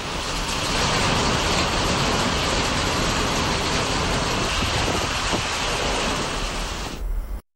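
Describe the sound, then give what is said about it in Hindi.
A loud, steady roar of heavy rain with hail pelting down in Joshimath, Chamoli, in the mountains, a dense unbroken hiss with scattered sharper impacts, continuous until it cuts off abruptly near the end. “चमोली के जोशीमठ में मूसलाधार बारिश के साथ ओले गिरे।”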